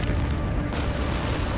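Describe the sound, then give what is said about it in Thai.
A continuous heavy rumble of bomb explosions from air strikes on northern Gaza, dense low booms rolling over each other, loud and sustained with a sharp burst of noise midway. “รถถังรถหุ้มเกราะพร้อมกำลังพลนับพันเคลื่อนเข้าฉนวนกาซาทางตอนเหนือเป็นจุดแรกพร้อมกับปฏิบัติการสนับสนุนทางอากาศระเบิดลูกแล้วลูกเล่าถูกทิ้งยิงเข้าใส”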